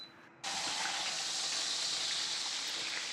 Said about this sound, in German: brät die Keule kurz in der Pfanne an.